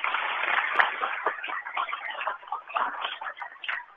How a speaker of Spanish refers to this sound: Así que muchas gracias por la atención. Creo que todos nos merecemos un fuerte aplauso.